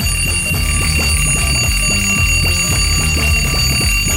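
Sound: alarm clock ringing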